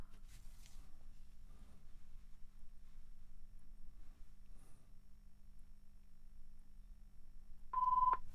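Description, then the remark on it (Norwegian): A telephone ringing tone sounds once near the end, a short, steady electronic tone cutting clearly through an otherwise quiet stretch of low background rumble, with no talking. “Det ringer.”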